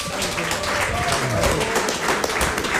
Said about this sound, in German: Erstmal einen donnernden Applaus für Heaven, den Moderator.